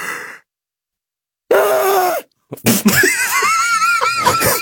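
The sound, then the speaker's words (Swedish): A person imitates the way a woman yawns: a loud, shrieking yawn with a drawn-out wavering vocal cry, a brief pause, then a longer high-pitched warbling yowl that rises and falls before trailing off. “Jo, men det är inte bara att hon gäspar, utan när hon gäspar, då gör hon så här.”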